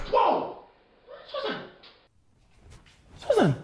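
A single sharp slap lands partway through, brief and crisp, between strained vocal cries and gasps that rise and fall before and after it.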